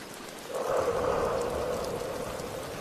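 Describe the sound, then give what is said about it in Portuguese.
Steady rain pours down in a continuous hiss, swelling slightly after the first half-second and holding even throughout, fairly loud with no voices. “Então, Liz tomou o melhor banho de chuva de todos os tempos.”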